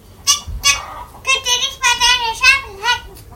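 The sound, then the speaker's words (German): A rooster crows loudly: a few short clucking bursts, then a long, strained, wavering call that rises and falls in pitch over a couple of seconds. “Hannibal macht Riesenkrach. Aufwachen! Schnell, es wird ja schon hell. Sein Kikeriki schallt übern ganzen Hof.”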